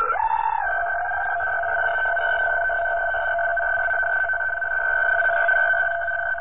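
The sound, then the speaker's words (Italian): A teleprinter radio signal: a steady, continuous buzzing data tone that holds a fixed pitch pair for the whole stretch, with a faint low hiss beneath and no voices. “No, non è un telefono. Oh, questa è una telescrivente.”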